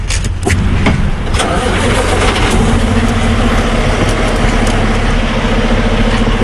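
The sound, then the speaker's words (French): Steady, loud rumble of heavy truck engines and road noise, a continuous low drone with a few sharp clicks early on, as trucks roll along the Trans-Canada Highway, the long road crossing the country from east to west. “Je laisse les camions sur la transcanadienne, cette grande route qui traverse le pays d'est en ouest.”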